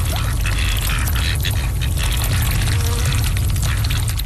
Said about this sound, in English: Well, the thing is, if you ever see ducks on your ponds and your rivers, you're almost certainly not going to see duckweed because they absolutely love to eat it. They sound pretty cute when they do it too. Stand by for Ducky ASMR.